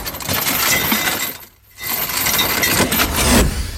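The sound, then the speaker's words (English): An anchor being let out: a loud, harsh metallic rattle of chain that runs continuously, breaks off for a brief moment partway through, then clatters on again with no voices. “It was indeed an anchor.”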